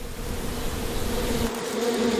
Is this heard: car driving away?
no